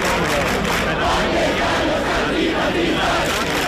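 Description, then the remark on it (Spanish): A large crowd of about a thousand people protesting over housing chants and shouts together at the Puerta del Sol in the early hours, camped out for a third consecutive night, in a steady, dense roar, voices rising and falling in rhythmic waves without a break, loud throughout the few seconds. “Sonido que nos llega esta madrugada desde la Puerta del Sol, donde cerca de 1 millar de personas, según el sindicato de inquilinas, permanecen acampadas por tercera noche consecutiva.”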